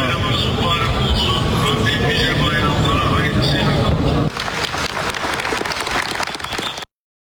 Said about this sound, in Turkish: Türk hacılar kendilerine hitap eden Başkan Erdoğan'ı alkışladı.